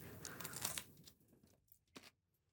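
Crisp crunching as someone bites and chews a crunchy pepper stuffed with tuna salad, a dense burst of crackly chews followed by a couple of softer, isolated crunches; no talking.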